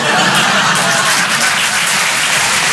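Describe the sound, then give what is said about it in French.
Steady, dense applause from an audience in Paris, reacting to a performer announcing a second child, a loud continuous wash of many hands clapping with no pauses and no clear voices over it. “Voilà, n'applaudissez pas sur ça.”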